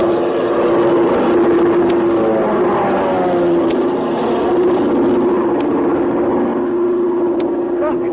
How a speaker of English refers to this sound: You can't make out what kind of a plane it's it is. It's an army plane.